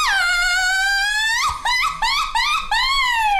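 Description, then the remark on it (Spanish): A Mexican woman gives a loud mariachi grito alone: one long, high sustained cry sliding downward, then a few quick warbling yelps, ending in a final drawn-out falling wail. “Échate un grito de mariachi panzón.”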